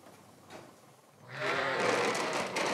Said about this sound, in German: Alle auf einmal drängen sie in den Melkstand. Knapp 150 Tiere sind es. Schafe der Rasse Basco-Bernays, baskische Milchschafe, deren Milch besonders viele Inhaltsstoffe hat.